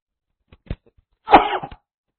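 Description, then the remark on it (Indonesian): A person sneezes once, fairly loud, with a sharp burst that trails off, preceded by a couple of faint inhaling clicks. No talking is heard. “Alhamdulillah. Yahdikumullah sebelah.”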